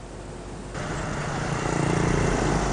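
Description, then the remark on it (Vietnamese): Steady roar of road traffic on National Highway 6 where it passes through Mai Sơn commune, with a deep engine rumble that swells louder partway through, as if a heavy vehicle is approaching. No voices. “Sau đây sẽ là ghi nhận tại quốc lộ 6 đoạn qua xã Mai Sơn.”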